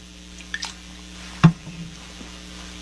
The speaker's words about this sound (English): That easy to swallow. And all I need is a little bit of Trader Joe's sparkling water.